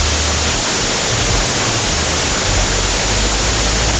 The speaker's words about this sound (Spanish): En estos momentos en Chillán tiran el agua con balde. Escuchen.